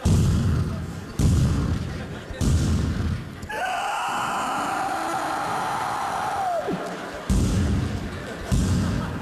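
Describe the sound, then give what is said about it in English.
A potbelly pig bangs its snout against a bedroom door at 5:30 in the morning. Loud, heavy thuds come in a steady rhythm, stop for a long, drawn-out groaning tone that slides downward, then the insistent banging starts again. “Every day would begin at 5:30 in the morning with that pig banging its snout on our bedroom door.”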